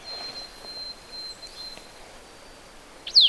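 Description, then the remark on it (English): A vireo of coniferous woods, moving around in a conifer, gives a sharp, loud whistled note at the very end, after a quiet stretch with only a thin, steady high hum and faint outdoor background. “Of course, these are much harder, more whistled-like sounds than the red-eyed vireo.”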